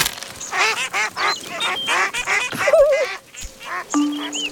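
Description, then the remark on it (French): A flock of ducks on a large pond quacking busily as small pieces of bread are thrown to them, with overlapping, rapid nasal calls, fairly loud, plus a few thin whistling bird notes mixed in. “Alors, il jette les petits bouts de pain aux canards.”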